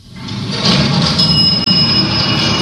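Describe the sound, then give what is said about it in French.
An elevator moving, heard as a steady mechanical rumble with a thin, high-pitched whine riding over it. It is fairly loud and continuous, with no voices. “C'est ça. Ouais. C'est un ascenseur.”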